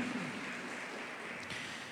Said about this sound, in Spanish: ¿Cuánto le damos gracias a Dios porque Dios nos está perfeccionando? Dele ese fuerte aplauso a nuestro Rey Celestial, amén.